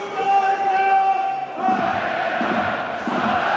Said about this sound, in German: So klingt es, wenn Heidenheim absteigt. Keine Pfiffe, keine Buhrufe, sondern Aufmunterung. Die Fans bauen ihre Mannschaft auf, die gerade abgestiegen ist.